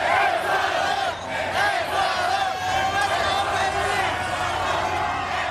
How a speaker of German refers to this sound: So klang das in der Nacht in East Rutherford bei New York. Die Fans aus Ecuador haben dort den 2:1-Sieg ihrer Mannschaft gegen Deutschland ausgiebig gefeiert.